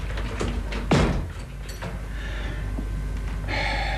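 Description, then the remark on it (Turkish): A door swings shut with a short thud about a second in, followed by faint shuffling and a brief rustle near the end; otherwise quiet. “Çekilebilirsin sen. Kapıyı kapat.”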